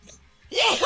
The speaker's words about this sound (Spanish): Salud. No. Llevo rato queriéndomelo espantar el estornudo, ya no aguantaba.